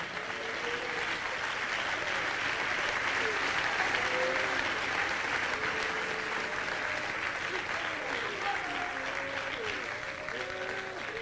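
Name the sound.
audience clapping hands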